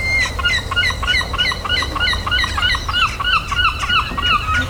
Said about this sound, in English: Yep, it's the seagulls. They hold a unique, deeply ingrained place in British life. Certainly for us lot in our region, we've got a real love-hate relationship with the old seagulls.